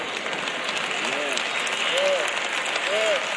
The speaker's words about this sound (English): Y'all notice how the claps are getting lower and lower and lower.